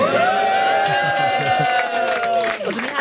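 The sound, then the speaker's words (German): A radio studio audience on a Friday morning, many of them from the station's Comedy zu Morgen live stage, cheers and whoops loudly, with high sustained shouts and scattered clapping blending into a steady crowd roar for a few seconds. “Nein, wir haben ein paar Leute im Studio. Recht viel. Könnt ihr mal ein bisschen Lärm machen?”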